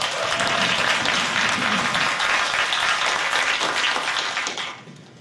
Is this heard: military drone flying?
no